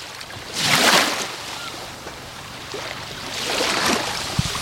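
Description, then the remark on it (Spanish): Sea waves wash onto the sandy beach at Salobreña in summer, two broad surges of hissing surf swelling and fading over a steady low rumble, fairly loud with no voices. “durante la próxima hora, cierres los ojos y te imagines que estás aquí a mi lado, sobre la arena de la playa, disfrutando de un ambiente veraniego fantástico de Salobreña y, sobre todo, escuchando este sonido, el del mar de Salobreña.”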